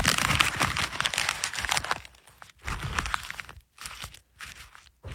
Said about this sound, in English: By the way, I just noticed, now we're in the old Rush Limbaugh studio, and it sounds, when he used to fold up the paper, that's my tribute, and it sounds much better in the studio. It must be the soundproofing, I don't know.